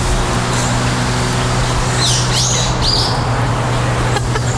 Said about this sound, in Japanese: ちょっと考えてる間、鳥のさえずりを聞きください。